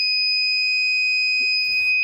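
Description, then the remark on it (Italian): A water level sensor's alarm, triggered as its probe detects water about 30 centimetres below floor level and also flashing a light, sounds as a steady, shrill electronic tone, loud and unbroken for the whole stretch, with a short burst of rustling handling noise near the end. “però diciamo la sua funzione è molto semplice, come vi ho detto all'inizio, mettendo il sensore che è qua, praticamente sente subito l'acqua e mi suona un impulso sonoro e anche luminoso.”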